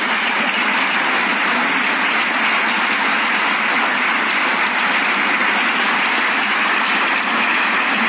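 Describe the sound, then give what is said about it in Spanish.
Sustained applause from a large audience at the ceremony where the president of the autonomous city received the Medal of Honour of Valencia, a dense, steady wash of clapping that holds at full strength for the whole stretch without pause or voices. “Y seguían los aplausos.”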